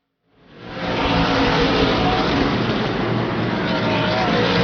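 A loud, steady roar of racing engines swells in within the first second and holds dense and constant as NASCAR Craftsman Truck Series trucks thunder around the track in the T-Sport 200, seven laps complete, led by Lane Riggs, with no voices.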